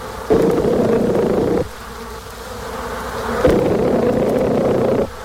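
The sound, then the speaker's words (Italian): Honeybees buzzing in a steady hum, swelling louder in two long bursts with a quieter drone between them, no voices present. “Egli ha compiuto migliaia di osservazioni per un periodo di oltre 25 anni, controllando man mano varie teorie, finché alla fine ha scoperto il linguaggio delle api.”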